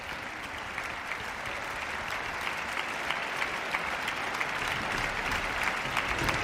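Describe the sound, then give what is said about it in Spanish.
Sustained applause from a large orchestra concert audience at the Palacio de Carlos V in Granada as a performer returns to the stage, a dense, steady wash of clapping that holds at an even, fairly loud level for several seconds with no voices heard. “Bueno, vamos a ver, vuelve a entrar otra vez al escenario y vuelve de nuevo a recibir los aplausos del público aquí congregado en el Palacio de Carlos V de Granada.”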